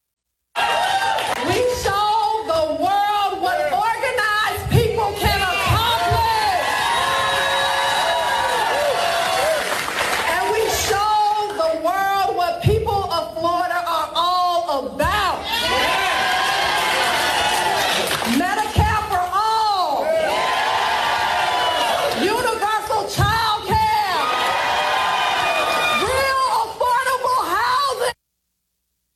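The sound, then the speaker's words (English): A crowd screeches and whoops almost nonstop for about half a minute, many high voices overlapping in loud, wavering cries with brief dips between bursts. “There's always screeching.”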